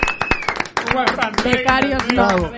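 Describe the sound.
A group claps in quick, irregular bursts, loud and sharp at first, while several voices talk and call out over the applause as it continues.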